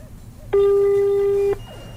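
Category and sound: signal or alarm, mobile phone call ringing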